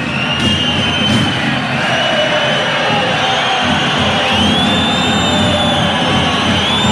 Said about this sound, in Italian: Adesso arrivano i fischi per Kaya, quello che sentite c'è un richiamo ufficiale per coach Kaya